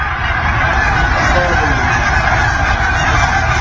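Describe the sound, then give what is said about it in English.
A dense flock of geese honks continuously overhead above a house in autumn, dozens of overlapping calls forming a loud, unbroken chorus with no pauses, steady in volume throughout; the honking went on for about ten minutes. “We'll call this one the geese apocalypse.”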